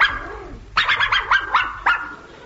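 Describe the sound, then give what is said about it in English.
A dog barks in a quick, excited run of about six sharp yaps, loud, after a brief quiet whine-like lead-in. No one speaks. “Tonight, I am talking to a cowardly dog.”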